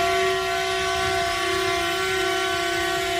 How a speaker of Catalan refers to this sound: Crit de socors del camp que es manifesta amb les botzines i el bloqueig dels tractors. De moment, avui, a Lleida. Un centenar de vehicles bloquegen el centre de la capital del Segrià.